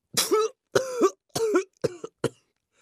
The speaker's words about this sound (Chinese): 又一次喷出了口中的茶，捂着胸口大声咳嗽起来。